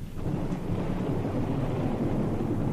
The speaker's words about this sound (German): Besser es kommt, das Gewitter. Wer fürchtet sich denn da?